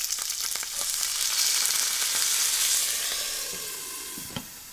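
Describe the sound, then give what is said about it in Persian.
Loud, steady hiss of a tablespoon of water sizzling in a hot pot of frying stuffed vegetables (dolma), swelling in the first seconds and then slowly fading, with a brief clink near the end as the lid is quickly put back on. No voices. “در هنگام پختن یک قاشق غذاخوری آب اضافه کنید و سریع دوباره در قابلمه رو بگذارید.”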